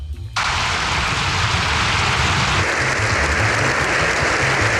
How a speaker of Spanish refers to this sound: Siete minutos y dos segundos de aplauso sin interrupción es lo que duró la ovación al Papa tras el discurso.